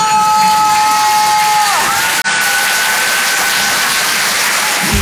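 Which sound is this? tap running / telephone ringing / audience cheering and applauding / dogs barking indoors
audience cheering and applauding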